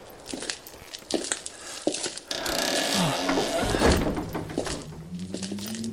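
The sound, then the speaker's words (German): A few heavy wooden thumps and knocks, then a long grinding scrape as a stiff church door is shoved open, its hinges groaning with a drawn-out, rising creak. “Diese verdammte Tür.”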